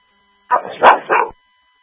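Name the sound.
dog barking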